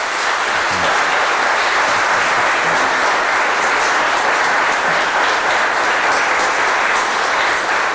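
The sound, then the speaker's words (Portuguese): Sustained audience applause for the bishop, Conde de Arganil, at a church gathering in Arganil, Portugal, a dense, steady wash of many hands clapping at once, loud with no voices standing out. “Agradecemos, Excelência, mais uma vez, a sua gentileza, seu carinho, seu cuidado que tem para com o Arganil, na qual eu sempre tenho que pedir, olha, uma salva de palmas para o nosso bispo, Conde de Arganil.”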